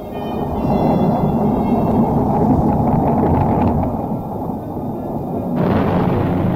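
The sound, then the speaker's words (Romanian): A loud thunderstorm with torrential rain: deep rumbling thunder rolls over a constant roar of wind and pouring rain, swelling slightly near the end, with no voices. “Valuri, valuri de apă se revărsau din înaltul cerului înnecând totul.”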